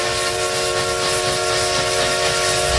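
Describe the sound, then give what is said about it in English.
The whistle of the vintage Essex Steam Train in the Connecticut River Valley sounds loud in one long, sustained blast, layered harmonic tones riding over a steady hiss of steam, with no voices. “Roll through the scenic Connecticut River Valley in vintage style.”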